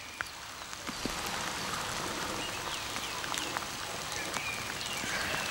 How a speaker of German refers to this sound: Und deswegen, bei ganz starkem Regen, bringen wir die rein. Weil sonst sind die klatschnass und jetzt ist das auch natürlich nicht so warm.